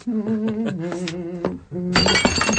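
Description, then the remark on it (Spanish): Singing fills the first part, then a small jug shatters on the floor in a sudden bright burst that crashes in and rattles on for under a second as pieces scatter, loud and crisp. “Mira lo que has hecho. ¡Es solo una jarrita! Apenas si se ven los trozos en el suelo.”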